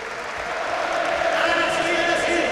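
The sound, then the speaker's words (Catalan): A crowd gives a sustained ovation for València Bàsquet player Cameron Taylor, a dense wash of clapping and cheering that holds at a steady, loud level throughout, with scattered voices rising within the noise. “Ovació per a Cameron Taylor.”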